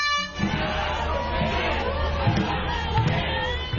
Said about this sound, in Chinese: 香港仔的龙舟竞渡赛被誉为是本港历史最悠久的龙舟赛事，至今已经有过百年历史，各支队伍随着鼓声和欢呼声乘风破浪。